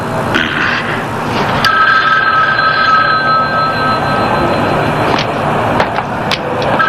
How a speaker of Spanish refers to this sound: ¿Quieres contestar el teléfono? Para cuando llegue dejará de sonar.